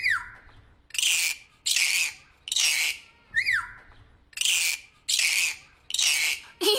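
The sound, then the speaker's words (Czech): A parrot gives a run of loud, harsh, raspy squawks in a steady rhythm, about eight calls, with a couple of short descending whistles mixed in, alone. “Ano, správně, papoušek je.”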